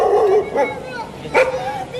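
A dog barks and yips a few times in quick, uneven bursts, with a high whine between barks over a low background murmur, inside an evacuation shelter for families fleeing fires.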